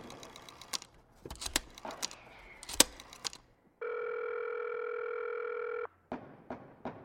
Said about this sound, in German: Vielleicht gibt es da ein Telefon. Sehen wir nach. Oh, da ist ein Telefon. Yeah, es funktioniert.